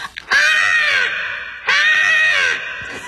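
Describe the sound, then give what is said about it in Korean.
A voice imitates a crow with two loud, drawn-out raspy caws, each held nearly a second with a short pause between, with no other talking. “녀석은 예, 까마귀였어요.”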